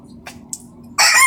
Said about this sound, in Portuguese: Esse é o Galo Dijas, é o meu afilhado